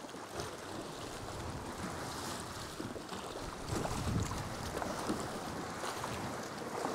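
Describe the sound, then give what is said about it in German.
Choppy water slaps and splashes steadily against a small boat's hull as it heads into the narrow entrance of the Cova de la Lum sea cave on an island, with a constant wash of waves and wind buffeting the microphone; the splashing grows slightly louder midway through. “Die Wellen sind nicht ohne und der Höhleneingang scheint mir relativ eng zu sein.”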